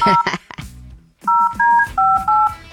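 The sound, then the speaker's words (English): A quick run of touch-tone telephone dialing beeps as a call is placed to get someone on the line, several steady two-tone pitches in rapid succession, following a brief burst of other sound at the start. “Let's get him on the line.”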